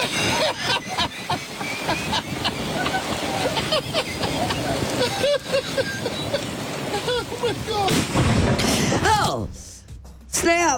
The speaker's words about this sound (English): So as you heard, the guy's kind of cackling there. Because he's videotaping his friends. Got his phone out and he's watching his friends recording their attempt to get a stuck golf cart moving again. And then bam, the dude gets struck by lightning.